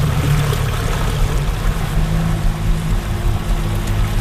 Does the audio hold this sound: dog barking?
no